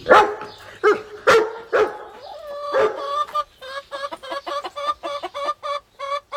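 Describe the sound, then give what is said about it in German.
A small dachshund, Kalle, barks sharply several times, then a flurry of excited clucks and squawks from chickens squabbling wildly over food in a henhouse follows in quick, overlapping bursts with no one speaking. “Und die Hühner zanken sich wild um das leckere Essen. Die Aufregung überträgt sich auf Kalle. Der Dackel springt auf und bellt.”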